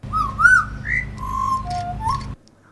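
A butcherbird call whistled by a person: a run of clear, fluting notes that slide up and down in a short melodic phrase over a steady low hum, ending abruptly.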